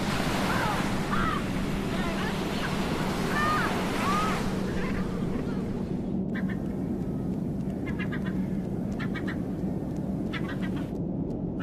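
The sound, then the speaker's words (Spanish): Penguins honk and bray in a busy colony, many overlapping calls, set against a steady roar of ocean surf. Later the calls turn into quick, pulsing bursts. “Los pingüinos, con sus pasos torpes en tierra y movimientos elegantes en el océano, son un símbolo del mundo antártico.”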